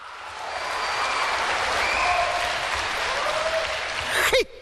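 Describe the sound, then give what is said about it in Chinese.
An audience applauds steadily for several seconds in answer to a stage performer's call for applause, a dense wash of clapping that holds at an even level, with a faint voice or two underneath, before cutting off abruptly. “嘿嘿，四句词儿，八十多句掌声。”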